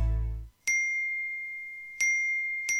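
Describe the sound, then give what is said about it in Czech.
Three bright, high phone message notification dings arrive at uneven intervals as people send messages, each a sharp chime with a clear ringing tone that lingers. No one speaks, and a brief low sound fades out just before the first ding. “Čekaj, čekaj, eksplodirat će mi telefon, svi mi nešto javljaju.”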